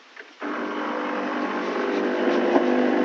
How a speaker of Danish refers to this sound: Ja, måske så kan du høre, hvad det er. Det er kaffemaskinen. Og jeg tænkte, jeg ikke skulle drikke kaffe i dag, men det skal altså.